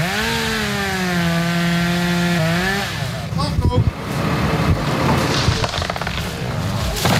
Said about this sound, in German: Kettensägen wird man in den kommenden Monaten noch oft im Stadtwald von Hörgrenzhausen hören.